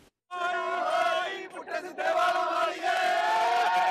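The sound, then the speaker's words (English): A crowd of concert fans at Wembley, waiting to see an Indian music superstar, cheers and shouts together in a loud, sustained roar after a brief silent start, dipping for a moment midway before surging back up. “Fans getting ready to see Indian superstar”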